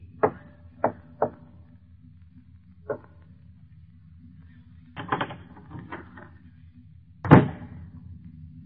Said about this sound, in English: Behind every unopened door, there is a mystery. And the opening of this door introduces us to another in the series, The Key.